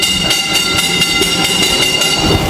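A mine train rumbles loudly along rails 212 metres underground on the fourth level, named August, of a mine, its wheels clacking in a quick steady rhythm over a constant metallic roar, with no voices.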